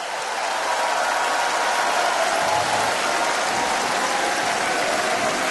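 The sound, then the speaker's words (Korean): A crowd applauds steadily at the close of a Far East Broadcasting Company concert, a dense, continuous wash of many hands clapping at once, loud and even throughout with no voices over it. “네, 여러분 박수 아끼지 마시고 네 힘찬 박수 부탁드립니다.”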